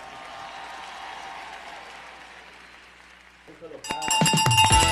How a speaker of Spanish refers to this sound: Aquí dándole aplauso